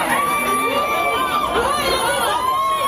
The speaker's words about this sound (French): Un mouvement de foule a eu lieu hier pour l'inauguration d'une enseigne très connue dans le quartier de la Défense à Paris. Des centaines de personnes présentes pour acheter des climatiseurs, des ventilateurs.